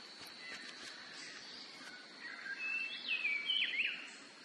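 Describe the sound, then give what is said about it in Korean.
Many kinds of birds gathering to eat fruit in a cloudy highland forest of giant oaks give several high, bright chirps and whistles over a soft, steady hiss of forest ambience, growing busier toward the end. No one speaks. “이들의 가지가 열매로 묵직해지면 수많은 종류의 새들이 열매를 먹으러 모여듭니다.”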